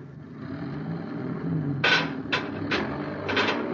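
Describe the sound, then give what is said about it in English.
A heavy truck, driven straight ahead to pull out an Endurium beam, rumbles forward with a steady low engine drone, and four short, bright hissing or clanking bursts break in over the second half. No one speaks. “Tell that driver to move that truck.”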